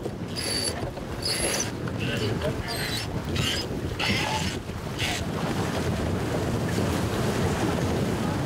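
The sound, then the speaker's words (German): Strong wind roars steadily across the microphone while waves wash and slap around a sailboat being sailed by its crew, with bursts of hissing spray and rushing water throughout; the wind keeps increasing in rough, bad weather. “Der Wind nimmt weiter zu.”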